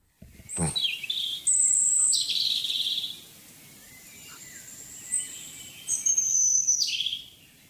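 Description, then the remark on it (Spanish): Clear, high-pitched European robin song with varied warbling phrases and thin trills, sung in bursts with short pauses against a quiet outdoor background. No voices. “Pues vamos a buscar una distancia más grande entre Alemania y Vitoria, uh-huh, la del petirrojo europeo.”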